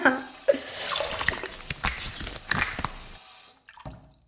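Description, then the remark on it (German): Water runs and splashes into a washbasin with the stopper in, in a washhouse, for a few seconds, a continuous gurgling with small drips and knocks, then stops, leaving a couple of faint drips. “So, ein Stöpsel rein. Wasser ins Waschbecken.”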